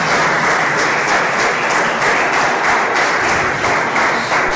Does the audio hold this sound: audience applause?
yes